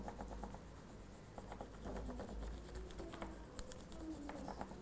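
Steady scratchy rubbing of crayon over paper laid on a leaf, continuous back-and-forth strokes with soft rasping bursts, moderately quiet and without any voices.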